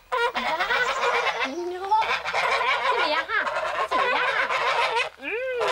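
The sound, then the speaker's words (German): A flock of geese honks loudly and almost without pause, with overlapping nasal calls rising and falling in pitch. Some bird voices swoop upward in sharp cries. “Kein Wunder, bei ihren Mitbringseln kann keine Gans widerstehen.”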